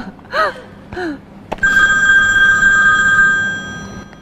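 A telephone rings with a bright, steady electronic tone that holds for a couple of seconds, loud, after two short vocal exclamations.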